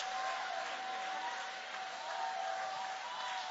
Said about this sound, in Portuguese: Tem alguém aqui que confia em Deus? Tem alguém aqui que anda com Deus? Tem alguém aqui que acredita em Deus? Levanta a mão então e vai aplaudindo. Levanta a mão e exalta o nome deste Deus.